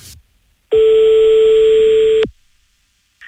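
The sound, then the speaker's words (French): A single loud telephone ringing tone, one steady electronic burst lasting about a second and a half, heard on the line with no one talking, then silence, as a call is placed to a kickboxer from Montauban. “Et là, on passe un coup de fil donc au régional de l'étape.”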